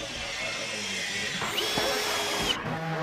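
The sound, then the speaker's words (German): A power tool whirs steadily, its pitch shifting partway through, with faint clatter and possible voices in the background of a busy work site where eighth-grade students build a 21-square-metre tiny house as a mobile classroom on a meadow in Mölln, Schleswig-Holstein. “Niais Bayer hat die Jugendlichen auf der Baustelle besucht.”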